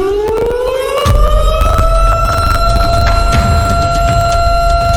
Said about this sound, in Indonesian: Yap, alarm bencana.